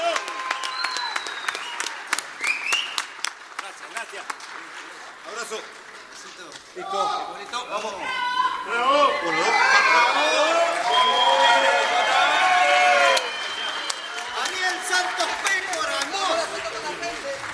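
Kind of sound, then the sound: crowd, audience applause and cheering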